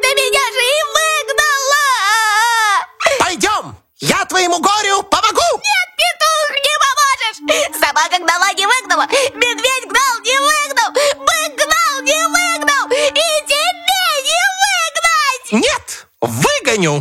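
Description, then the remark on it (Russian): A voice imitates a hare crying and sobbing, with long wavering, quivering wails broken by short gasping pauses, loud, continuing for most of the stretch. “Идет зайчик опять по дороге, плачет пуще прежнего.”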